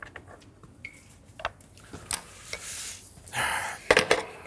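Lard hisses and crackles briefly in a hot frying pan as fried potatoes are started, a short burst of sizzling amid clinks and scrapes of metal utensils and cookware; no one speaks.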